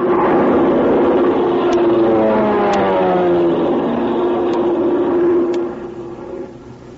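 airplane engine droning overhead

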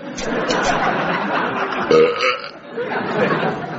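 belch

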